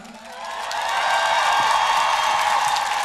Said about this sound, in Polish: Ale najpierw poproszę o ogromne brawa.